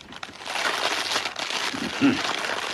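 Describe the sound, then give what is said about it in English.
Eggs sizzle in hot fat in a frying pan, a steady, bright hiss dotted with fine crackles that holds evenly throughout, with a brief low murmur of a voice near the end. “Nice sizzle.”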